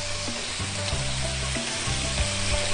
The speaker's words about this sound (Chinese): 鸡肉下锅。啊，炒鸡，炒鸡嘛， 对， 必须得炒。